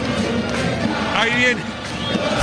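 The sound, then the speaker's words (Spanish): A large stadium crowd roars and applauds at a Boca Conmebol Sudamericana match, a dense, steady wash of noise with shouting voices rising briefly in the middle. “Escuchen el aplauso.”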